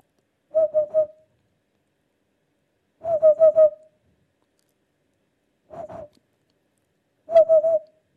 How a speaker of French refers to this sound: Un plus connu, peut-être, la huppe.